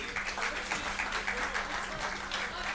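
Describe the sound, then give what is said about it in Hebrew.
A crowd applauding steadily at an evening event, thanking the leaders of the Or Yisraeli movement, many hands clapping in a dense, continuous patter with a faint low hum underneath. “אז תנו להם הרבה מחיאות כפיים.”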